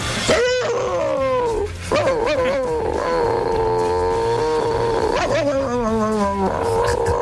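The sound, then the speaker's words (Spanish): A voice imitates the barking of a chihuahua, the neighbour's dog Klotsky: a run of high, strained yaps and whiny, gliding cries that carry on loud for several seconds without pause. “Y le hacía el mismo ladrido que hacía él, que era una cosa como esta.”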